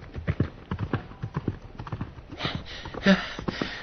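Rapid hoof clip-clops pound in a steady galloping rhythm, loud at first, as a knight's horse gallops out through a gate, with a brief horse whinny near the end as the hoofbeats carry on.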